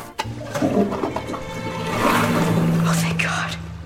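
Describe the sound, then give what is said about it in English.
A loud toilet flush roars and gurgles for several seconds as water rushes, swells and overflows, with some vocal sounds mixed into the surge. “My fear of clogging the toilet and flooding the whole entire school.”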